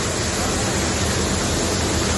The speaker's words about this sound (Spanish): El que escuchan es el sonido del agua en las instalaciones de la estación de tren de Sants, en Barcelona. Las lluvias han obligado a suspender el servicio de Rodalías y media distancia.